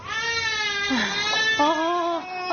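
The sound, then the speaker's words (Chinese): A hungry baby, with no breast milk to drink, cries loudly, a continuous wailing cry that rises and wavers in pitch, with a brief catch midway before it resumes, with no talking. “没想到孩子的哭闹声引来了婆婆。”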